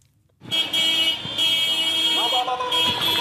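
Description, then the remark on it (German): Loud, sustained horns of pickup trucks blare almost continuously, overlapping one another amid street noise, as the trucks carry soldiers with rifles on their shoulders through the streets of Mekele, the capital of Tigray; voices audible in the background. “Soldaten mit geschulterten Gewehren lassen sich auf hupenden Pickup-Trucks durch die Straßen von Mekele fahren, der Provinzhauptstadt von Tigray.”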